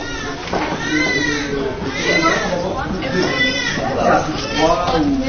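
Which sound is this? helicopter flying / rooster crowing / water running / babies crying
babies crying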